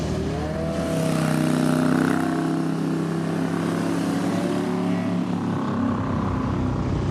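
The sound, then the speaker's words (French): A vintage motorcycle engine rumbles steadily, its deep pulsing throb holding loud throughout with a gritty low growl and slight rises in pitch, no voices over it. “On peut pas avoir complètement le charme de ces moteurs. Vraiment incroyable, quoi. Enfin, on sent les pulsations, ça gronde.”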